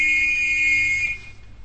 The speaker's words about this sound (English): Here, hold this whistle and play that note.